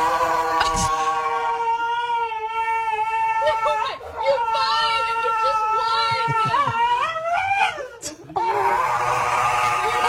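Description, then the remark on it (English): A dog cries and howls almost nonstop while its nails are clipped, loud drawn-out wails that bend up and down in pitch, with a short break in the middle and near the end. “Here's a dog getting its nails clipped.”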